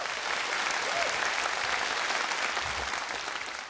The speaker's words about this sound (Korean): 가장 솔직하고 아름다운 언어로 감동을 전해준 손끝으로 피어내는 우리 팀에게 뜨거운 격려의 박수를 다시 한번 보내주시기 바랍니다.